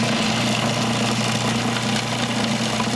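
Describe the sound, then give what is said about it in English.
A food processor runs continuously as it finely chops herbs, including basil, without pureeing them: a loud, steady motor whir with a low droning hum and a hiss of blades, unchanging for the full three seconds with no voices. “Nope, because that's what the machine will do.”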